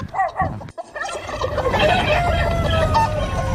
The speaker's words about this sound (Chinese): 跑山鸡的天性之一就是爱打斗，以此来确定自己在群体中的权利和地位。